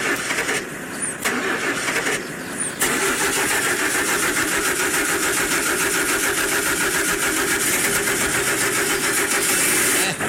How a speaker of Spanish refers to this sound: Venga, prendo el carro. El carro se me tiene que llevar.